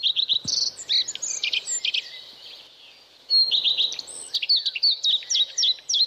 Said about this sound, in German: So tönt der Gartenrotschwanz. Und im Domlesk ist der, anders als in anderen Teilen der Schweiz, nur erstaunlich häufig zu hören.